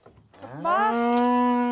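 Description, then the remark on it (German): A single long, loud Galloway cow moo that rises in pitch and then holds a steady, deep, harmonic-rich tone for over a second, with no talking; one of 40 to 50 Galloway cattle spending the summer grazing on the island of Lührsand. “40 bis 50 Galloways dürfen den Sommer auf der Insel verbringen.”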